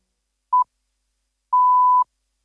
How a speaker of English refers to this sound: Ob znaku bo ura 20.